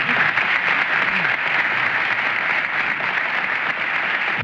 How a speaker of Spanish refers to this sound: Para ustedes, para ellos pido un voto de aplauso. El conjunto de Chacabuco.